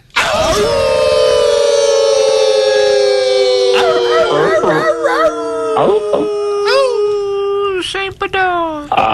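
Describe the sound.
Several voices howl together like wolves as a show segment's intro, long sustained wavering cries that rise and slide down in pitch, loud, overlapping for about nine seconds with no other sound.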